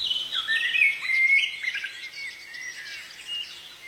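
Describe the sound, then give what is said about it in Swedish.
Continuous birdsong, with several birds twittering and trilling in overlapping high, bright phrases. The steady chorus carries at moderate loudness, with no voices. “Och som sagt, om du saknar fågelsång, gå in i appen och lyssna på färska klipp från fågelsångsnatten.”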